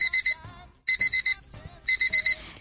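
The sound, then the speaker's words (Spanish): A battery alarm clock beeps in three loud bursts of four rapid, high-pitched electronic beeps each, repeating about once a second, with faint background noise between bursts and no talking. “¿Eso es tu despertador? Era. Cuando los utilizaba a pilas y era más pequeña, utilizaba el típico despertador a pilas.”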